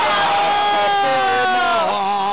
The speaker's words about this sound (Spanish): ¡Fuerte el aplauso!